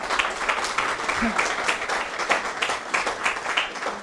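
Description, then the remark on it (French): A crowd applauds steadily for presenters who have just finished a presentation on tourism and its future in the face of global change, including climate change, many hands clapping in a dense, continuous patter that holds an even loudness for several seconds. “Merci à vous, je crois qu'on peut vraiment les applaudir, hein, parce que”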